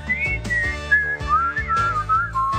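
A bright, sliding whistled melody rises and falls over a rhythmic musical backing with steady low thumps, loud, with no voices. It is the whistling of the wild whistling Frechettas, cartoon creatures on Razzle Flavin Island.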